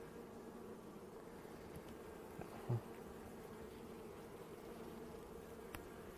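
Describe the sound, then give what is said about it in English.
A steady, droning hum of many honeybees buzzing together around an opened hive as a beekeeper takes an opened queen cage out from between the frames and checks the frames for eggs and the queen, continuous, with a couple of soft knocks partway through and no talking. “And we'll just make sure that there's no queen bee still inside the cage.”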